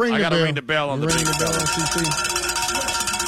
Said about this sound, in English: I hate to do it, but I got to ring the bell.